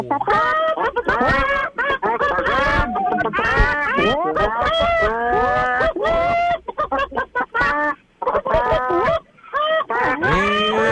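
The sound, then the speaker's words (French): Several radio phone-in callers imitate clucking hens at once, a chaotic overlapping chorus of bawk-bawk noises and squawks that carries on nonstop with brief gaps, sounding slightly thin through phone lines. “OK, moi, je vous punch en onde, puis à mon signal, vous me jacassez ça. Vous me parlez comme des poules.”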